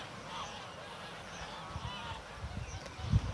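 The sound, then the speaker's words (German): A goose being chased by a raven gives repeated harsh honks over a steady outdoor rumble, with a few thumping low bursts toward the end and no talking. “Der Rabe jagt so lang, bis die Gans erschöpft anhält.”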